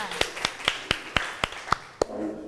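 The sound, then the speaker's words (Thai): Steady, evenly spaced hand claps in a class for the second group of classmates after their presentation, about nine sharp slaps in quick rhythm, fairly loud, with a faint murmur of voices underneath near the end. “ค่ะขอเสียงปรบมือให้เพื่อนกลุ่มที่2ด้วยค่ะ”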